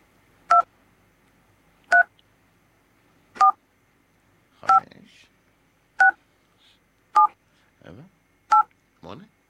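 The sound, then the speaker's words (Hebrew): Telephone keypad DTMF tones for the digits 3 through 9 and 0, played in order: seven short, loud two-tone beeps at a steady pace about a second and a half apart, with brief faint voice fragments between the last few. “אתם צריכים לזהות באיזה צליל, איזה מקש, איזה מספר מסתתר.”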